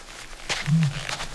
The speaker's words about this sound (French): Mais il n'est pas tout seul. Il y a toute une bande d'autruches mâles qui crient chacun leur tour.